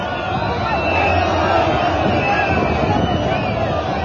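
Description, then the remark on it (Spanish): A dense crowd murmurs and shouts steadily while several shrill whistles rise and waver above the din, overlapping in scattered bursts throughout. “Compañeros, si estamos silbando no vamos a llegar a escuchar nada”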